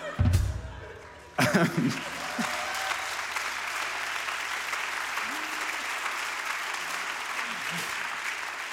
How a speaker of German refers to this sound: Ja. Ein kurzer Applaus für das Medium Radio, sehr schön.